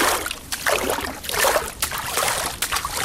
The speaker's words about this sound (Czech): Stojíme u stavidla a šplouchám tu krásnou, čistou, rašeliništní vodu. Detail.